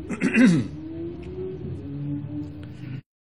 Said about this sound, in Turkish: Onun için öksürüklerle konumuza hep devam ederiz. Sevgili kardeşlerim, bu can bu tende kaldıkça ne öksürükler ne hastalıklar, hiç merak etmeyin, bizi birbirimizden ayıramaz.